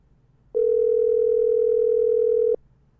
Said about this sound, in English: It's a calling now. It's ringing now. It's ringing. Why you don't answer?